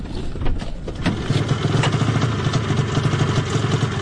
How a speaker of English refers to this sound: Out in the brisk February morning, the cold gets into your lungs quickly. The biologists unload snowmobiles from their idling trucks, parked nose to tail just off the side of the road.